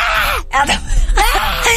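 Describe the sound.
A person imitates a goat's bleat with two loud, wavering cries, strained and nasal, separated by a brief pause.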